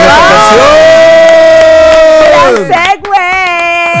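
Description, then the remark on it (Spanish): A crowd cheering sound effect: a loud, sustained cheer, a long held shout that wavers and drops in pitch near the end, with faint scattered clapping underneath. “Obviamente, sí, pues, te aplaudimos.”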